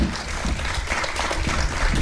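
Steady audience applause for a guest on Ràdio Sant Cugat, a dense wash of many hands clapping at an even, sustained loudness throughout, with no voices standing out.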